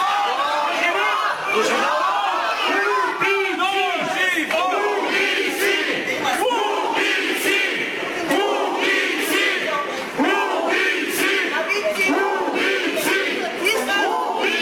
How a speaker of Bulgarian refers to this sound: Непрестанно нарастващия брой на протестиращите пред Съдебната палата избухна в гневни овации след съобщението за съдебното решение, че двете обвиняеми остават в ареста.